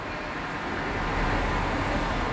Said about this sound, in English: Cars.